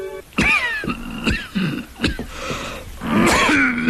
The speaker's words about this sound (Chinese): 你的咳嗽又加剧了。